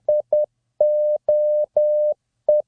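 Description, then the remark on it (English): Morse code SOS beeps in a single steady mid-pitched tone: two short pips, three long dashes, then another short pip, clear and loud with no voices. “You know what that is? Morse code? More specifically, SOS.”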